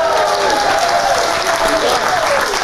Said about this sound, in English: You better clap, because this is her gift. I'm kidding.